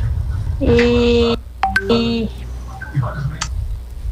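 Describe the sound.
A phone gives off a few loud electronic notification beeps in quick succession, two longer tonal chimes followed by shorter blips, over a low background hum with faint voices.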